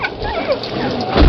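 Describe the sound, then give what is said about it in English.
A collie puppy with a broken leg set in bandages and splints whimpers and yips, a run of thin, high whines and short cries over about a second, ending with a low thump. “Trying to find a home for this collie pup.”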